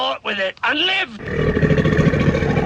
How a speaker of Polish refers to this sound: To jednak nie gadzi odgłos, a chrapanie sąsiada, który wrócił z nocnej zmiany.